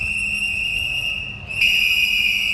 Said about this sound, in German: Eine Gruppe mit Pfeifen und Transparenten protestiert vor dem Wiener Aktionismusmuseum.